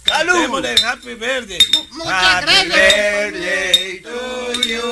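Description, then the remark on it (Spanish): Several glasses clink together in a bright, ringing cluster during a toast at a birthday party, with sharp chimes scattered across a few seconds over lively overlapping voices and cheering. “¡Ey, yo quiero hacer un brindis!”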